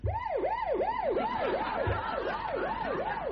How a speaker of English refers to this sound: He stole an ambulance. He drove it underneath the window of his girlfriend's flat, and then he played her this.